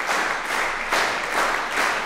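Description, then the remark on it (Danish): A large concert audience claps together in a steady rhythmic beat and also whistles as the musicians come up to bow again, the dense applause swelling in regular pulses about twice a second, loud and continuous with no talking. “Men inden da, der skal vi i hvert fald lige have musikerne op og bukke endnu en gang for publikum, der klapper taktfast, kan I nok høre. Og pifter også.”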